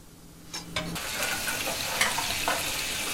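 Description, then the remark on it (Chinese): Previously boiled lamb ribs slowly pan-frying over low heat give off a steady sizzling hiss that swells after a couple of quick utensil clicks at the start, with no talking. “煮过的羊排继续用小火慢煎”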